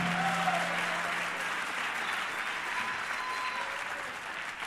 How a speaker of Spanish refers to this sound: Dele fuerte ese aplauso a Cristo en esta hora.